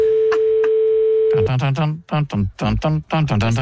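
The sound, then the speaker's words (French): A steady telephone ringback tone hums for about a second and a half with a couple of faint clicks while a call is placed to a man in France, then cuts off as a man starts talking over it. “on sent qu'il a commencé le long déplacement entre le fauteuil et le téléphone.”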